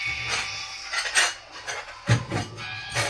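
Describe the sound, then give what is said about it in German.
Dishes and cutlery clatter in a video game where the sink and floor are full of dirty dishes, a steady run of clinks and bright scrapes, several overlapping knocks of plates and silverware, moderately loud, with no one talking. “Die Spüle ist voll, der Boden ist voll mit verschmutztem Geschirr.”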